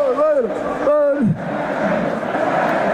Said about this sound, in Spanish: Le ha puesto a cantar a la plaza. Vamos a ascender, dicen.